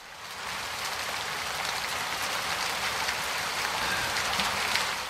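Steady rain falls in a dense, even hiss, with scattered individual drops pattering and ticking on a surface. It is the first rain after weeks without any. Nobody speaks; the shower holds at a constant moderate level throughout.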